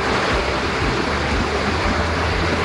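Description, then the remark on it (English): Steady, loud rush of river water pouring through culverts, a dense continuous roar with no breaks and without any voices. “As you can see, these culverts behind me can carry a lot of water.”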